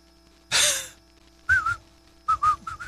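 A person whistles a few short, clear notes in quick bursts, a pair and then a quicker run, after a brief breathy rush of air. Moderately loud, with no talking.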